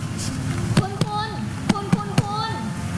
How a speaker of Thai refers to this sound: ทำการประเมินความรู้สึกตัวของผู้ป่วยโดยการเรียกและใช้มือตบไปที่ไหล่ของผู้ป่วยทั้งสองข้างค่ะ